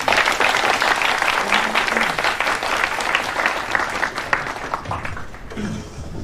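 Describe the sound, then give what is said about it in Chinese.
Warm, sustained applause from an audience: dense, steady clapping that holds at a strong level for about six seconds before thinning slightly at the end. “那好，让我们再以热烈的掌声欢迎他们。”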